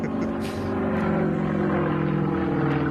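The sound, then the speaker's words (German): An Extra 330 aerobatic propeller plane roars past on a timed gate course, its engine a loud, steady, buzzing drone with a strong harmonic whine that holds throughout as it passes. “Ein Extra, 330, Pilot Wladimir Jakuschew.”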